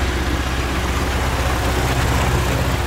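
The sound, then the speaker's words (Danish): A tractor engine runs steadily in South Funen, Denmark, a deep continuous rumble with a throbbing low hum and no voices, holding an even loudness throughout. “Traktor. Og i flertal traktorer i det sydfynske.”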